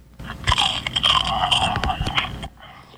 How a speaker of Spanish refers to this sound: A los 5 monstruos ruidosos les dio la premonición que a uno de entre sus filas le había dado por una galleta mascar.